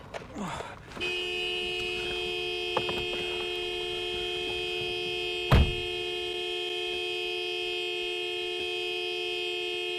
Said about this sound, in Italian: Togli le mani dal clacson! Scusa, si erano incastrati i pollici.